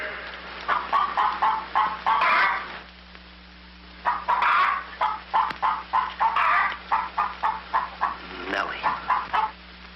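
A hen clucks in quick, rhythmic bursts, pausing briefly before a longer run of clucks, fairly loud over a steady low hum.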